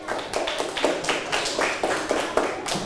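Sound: classroom applause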